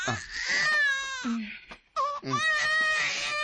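An infant who has just woken up cries loudly in long, wailing bursts, with a brief pause for breath in the middle before the crying resumes just as strongly.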